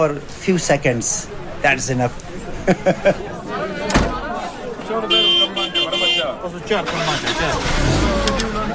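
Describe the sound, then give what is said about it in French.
Bus engines rumble and rev at departure time as buses parked in front of a Jamatkhana, some flying the Ismaili flag, are boarded while a crowd chatters around them; a sharp slam lands midway, followed by bright, whining tones over the steady motor noise. “C'est l'heure du départ. Rahmat Karim monte dans les bus garés devant la Jamatrana.”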